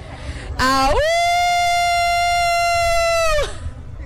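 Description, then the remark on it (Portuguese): A person imitates a wolf howl, a single loud, sustained vocal tone that rises sharply, holds steady for nearly three seconds, then cuts off. “E ganhei, uivei.”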